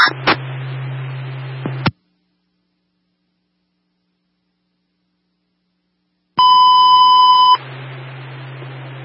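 A loud, steady electronic fire alarm box dispatch tone sounds in one sustained burst of about a second, set between stretches of humming radio static with a brief silent gap before it; fire dispatch radio for box 88181 at 33 Boylston Street, first floor north.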